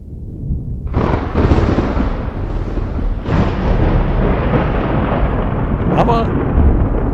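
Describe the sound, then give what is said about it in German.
A loud, steady roar of heavy rain pours without a break, with deep rumbling swells like thunder rolling underneath. A sharper crackle cuts in near the end. “Haben wir alles schon gehabt hier, ja, wenn man dann manchmal dann den Starkregen dann gehört hat, den Gewitterregen.”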